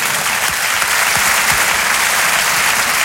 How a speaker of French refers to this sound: Pour une première, c'est bien, Muriel Robin. On applaudit l'artiste.